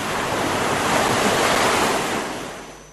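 Sea waves crash in a broad, hissing wash of surf that swells to a peak and then slowly recedes, loud with no voices present.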